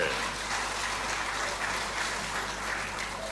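Steady audience applause for a woman at the front, picked as a contestant for a quiz game on stage, fills the whole stretch, a dense even clatter of many hands clapping at a constant loudness without a break or any talking over it.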